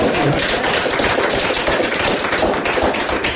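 An audience's round of applause: dense, rapid clapping from many hands, steady and fairly loud throughout, with no voices over it.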